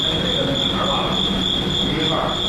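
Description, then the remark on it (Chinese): Crickets chirp in a steady, unbroken high-pitched trill throughout, clear, with a soft low rumble of background noise underneath and no voices. “斗蛐蛐也是有原则的，讲究长不斗宽，黑不斗黄，薄不斗厚，嫩不斗老，可谓斗艺有道。”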